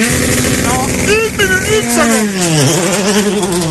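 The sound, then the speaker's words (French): The engine of rally car number 22, a Porsche 996, roars loudly, revving up and down over a few seconds, its pitch climbing and then dipping sharply as the car arrives. “Voiture numéro 22 et c'est Philippe Sam Capfrève qui arrive et qui fait son entrée”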